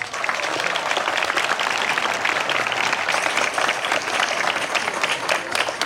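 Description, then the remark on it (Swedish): An audience at a Swedish National Day celebration in Falköping claps steadily for the national day speaker for several seconds, a dense, even wash of many hands with no pauses and no voices on top. “Men först ger vi en varm applåd till vår nationaldagstalare”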